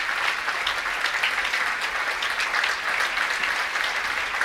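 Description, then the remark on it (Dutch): Sustained applause from a gamelan concert audience as the musicians of Gamelan Saloukat come on stage before performing Cyclus by Deva Alit, a dense, steady patter of many hands clapping at an even loudness throughout, with no voices standing out. “Je hoort het aan het applaus.”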